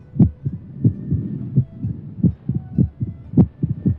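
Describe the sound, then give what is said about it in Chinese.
A strong, steady heartbeat of a healthy heart thumps in a regular lub-dub rhythm, with several paired beats sounding loud against a quiet background. “就是这样一种声音伴随着我们的一生，这强劲有力的心跳声说明心脏在健康地为我们工作着。”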